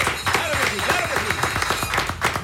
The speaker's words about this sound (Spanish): Despedimos la ruta gaitera con esta canción, con esta gaita. Para los amigos de Fuego Vivo, despidiendo a todo mi equipo, para quien también les pido un caluroso aplauso.